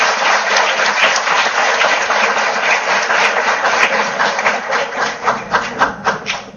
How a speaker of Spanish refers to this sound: Es decir, que un fuerte aplauso para este gran momento de la Universidad de Colombia.